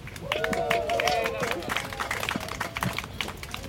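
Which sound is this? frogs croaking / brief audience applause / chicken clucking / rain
brief audience applause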